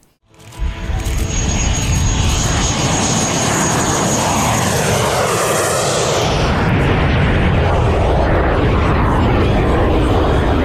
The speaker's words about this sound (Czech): Nad Chebem bylo pořádně rušno. Oblohu ovládly burácející motory, akrobatické manévry i legendární stroje, které se jen tak nevidí.